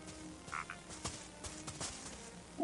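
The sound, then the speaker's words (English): Frogs croak in a quick, scattered chorus of short calls, some louder than others, with a faint hum of background noise underneath. “I hear frogs.”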